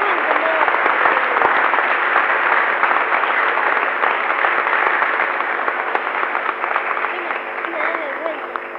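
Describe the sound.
A crowd bursts into loud, sustained applause, a dense wash of many hands clapping that holds steady for several seconds before easing slightly toward the end, with a few voices mixed in underneath.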